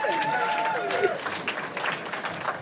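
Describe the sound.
A burst of audience applause at a live Radio 1 broadcast in the Park am Gleisdreieck, a dense wash of clapping that continues steadily, with a few voices and whistle-like tones rising over it at the start.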